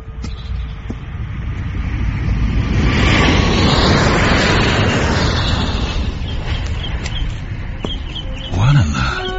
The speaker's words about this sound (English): Just that plane. What about it? Does it always fly directly over the grounds? Every day, on its way to the airport.